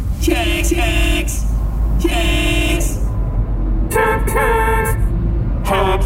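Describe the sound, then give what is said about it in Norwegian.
Several car horns honk repeatedly in bursts over a steady low rumble of idling cars stuck in a traffic jam, some long blasts and some short toots, loud. “Oi, her var det jo fullstendig kork.”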